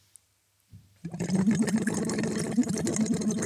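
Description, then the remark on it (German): After a short quiet start, steady bubbling begins as air is blown through a tube held in the mouth, resting lightly on the tongue, into water as a voice exercise, a dense, irregular gurgling that continues loudly and evenly to the end. “Und blubbern da rein.”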